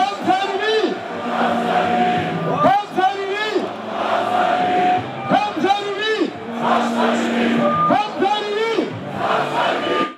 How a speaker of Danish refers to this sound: Ja, nede i menneskemængden, som vi kan høre råbe, der stod en af de allerstørste AGF-fans,